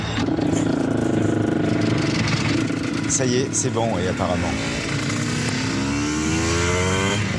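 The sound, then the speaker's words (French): A race motorcycle that had cut out on a straight is push-started in first gear; its engine catches and revs, the loud droning pitch climbing and falling in steady surges, while people talk briefly over it. “Mets-toi en première. Bah là, il pousse.”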